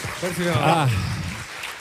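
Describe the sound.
An audience applauds steadily throughout, a dense wash of clapping with a voice speaking loudly over it.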